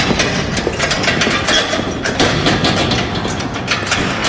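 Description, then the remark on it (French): A heavy prison cell door crashes open as two national guards enter the cell, with a loud, sustained metallic clatter and rumble, dense repeated clanks running for several seconds without letting up; no voices. “Mais ses pensées sont soudain interrompues par le fracas de la porte.”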